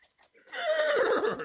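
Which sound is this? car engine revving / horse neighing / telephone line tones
horse neighing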